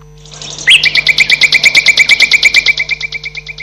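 Birds screech loudly, a harsh, rattling run of about twenty rapid calls in a steady rhythm that fades slightly toward the end, with no voices.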